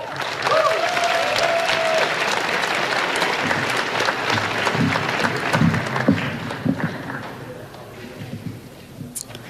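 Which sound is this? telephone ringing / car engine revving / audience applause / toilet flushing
audience applause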